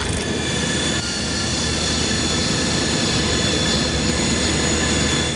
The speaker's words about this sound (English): A man holds a tablet as a drone materializes above them.